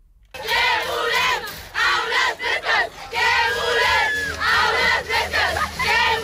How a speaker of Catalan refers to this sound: Per aquesta calor, a Llançà, a l'Alt Empordà, una trentena d'alumnes de l'institut han protestat aquest matí per denunciar la calor a les aules. Asseguren que han arribat als 30 graus